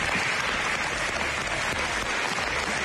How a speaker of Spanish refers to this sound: En Madrid, durante el aplauso de la oposición.